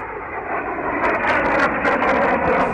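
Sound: airplanes flying past overhead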